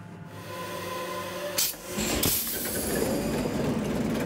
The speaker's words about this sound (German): Das Herz ist der Maschinenraum, noch mit dem originalen 540 PS Motor. Der ist gerade von Grund auf überholt worden. Der Maschinist zeigt ein Video, wie der Achtzylinder arbeitet.